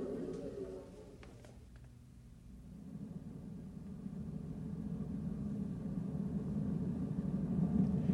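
A small car engine hums steadily as the vehicle drives along, a continuous low rumble that swells slightly louder over time, with a few faint clicks near the start.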